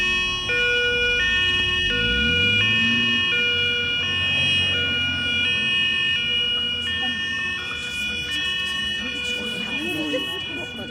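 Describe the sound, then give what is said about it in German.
An ambulance siren blares steadily in a two-tone, alternating pattern, loud, over the low rumble of the ambulance's engine as it drives off with its doors closed, carrying an injured boy and his mother. “Die Türen wurden geschlossen und der Krankenwagen fuhr los.”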